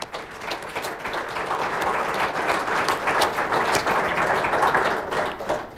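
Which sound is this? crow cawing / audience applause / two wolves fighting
audience applause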